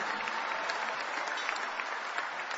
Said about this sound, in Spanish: Dale un mejor aplauso al Rey de Reyes y Señor de Señores. Amén.